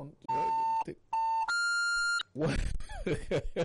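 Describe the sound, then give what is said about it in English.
A phone beeps loudly with incoming calls to a radio call-in line: two steady electronic tones, then a longer, higher, brighter tone, followed right away by someone talking. “I have a feeling that people are really trying to get through.”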